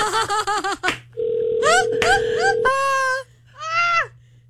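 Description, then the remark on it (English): A single steady phone call tone drones for about a second and a half, clear, while a voice makes wavering, whiny sounds before, over and after it, above a low hum. “I should call her one more time.”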